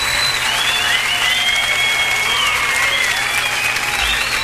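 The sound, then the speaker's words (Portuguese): Steady, dense applause from an audience for the children of the LBV, a loud continuous wash of many hands clapping with faint whistling tones gliding above it. “Palmas para as meninas, para os meninos que estão aqui presentes.”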